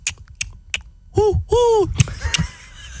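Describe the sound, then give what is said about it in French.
A person showing off a talent makes rhythmic mouth clicks imitating a car's turn signal, then two rising-and-falling hoots imitating an owl, and the clicking resumes afterward. “Et le hibou qui met son clignotant.”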